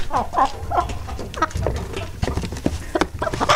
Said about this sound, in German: Wir spielen Ihnen nochmal alle drei Hennen vor. Und ja. Sie müssen sagen, welche davon könnte denn die sein, die man preisbekommen hat. Also hier nochmal Henne Nummer 1.